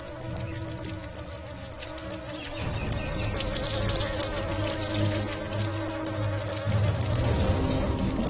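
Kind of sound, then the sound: insect, mosquito buzzing in flight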